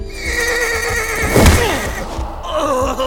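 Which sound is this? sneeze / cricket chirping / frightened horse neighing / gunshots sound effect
frightened horse neighing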